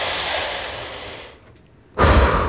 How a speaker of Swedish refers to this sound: Jag ska passa bra här att rulla några varv på sin kolttändare. Tända en cigarett så man ska kunna höra det här prasslet från pappret och sen ett sådant här...